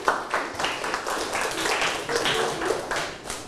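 crowd, classroom applause

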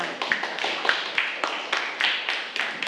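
crowd, students clapping

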